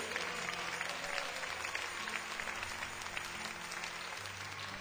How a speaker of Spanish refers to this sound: Aleluya, démosle un aplauso al Señor.